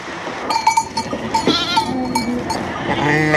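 Several Rava ewes from the Puy de Dôme, meat sheep used for eco-grazing, bleat in short, wavering calls that overlap as they are let out, over a busy outdoor background of shuffling and faint clinking, with no talking.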